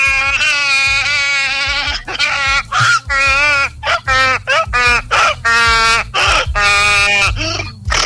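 A donkey brays loudly in a long run of harsh, honking calls, each blast rising and falling in quick succession with brief gaps between, and no voices over it.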